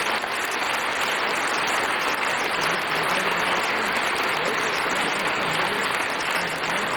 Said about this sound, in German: Vielen Dank und viel Applaus heute Abend.